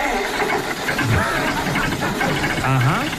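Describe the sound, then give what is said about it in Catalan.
A diesel tractor engine runs steadily and loudly, a continuous rough rumble, with faint voices mixed in underneath. “Una cosa, és un telèfon que funciona amb gasolina, potser? Efectivament. En dièsel de tractor.”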